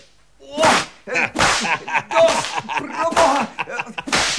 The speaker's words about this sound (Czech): Ten bič se zdá solidní. Dejte sem!